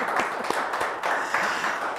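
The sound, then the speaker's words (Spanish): A steady burst of applause from an audience, dense overlapping claps filling the whole stretch at a fairly even loudness, with no voices on top. “Oye, pues se merece un aplauso, como tenemos público, ¿no?”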